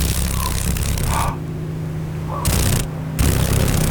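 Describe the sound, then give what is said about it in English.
A female paddle-tailed darner dragonfly, a mosaic darner found in Alaska, vibrates its wings rapidly, giving a loud, dry rattling buzz in bursts with a low steady hum beneath, broken by two brief quieter pauses. “Oh, can you hear the vibration? Those wings are there we go. Vibrating pretty rapidly.”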